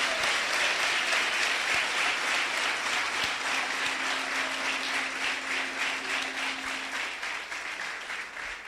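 Sustained audience applause at a seminar of the Iglesia CRET church in El Salvador, a dense wash of many hands clapping at an even, steady level that tapers slightly toward the end, with a faint low hum running underneath.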